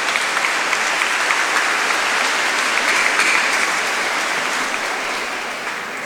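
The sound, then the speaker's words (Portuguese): An audience claps steadily in a dense, sustained round of applause for a visitor who came from Vacaria, at a thanksgiving celebration for the fruits of the land in Paim; it stays loud throughout, fading only slightly toward the end, with no talking over it. “Nós vamos dar uma salva de palmas para ele, que veio lá de Vacaria celebrar com a gente.”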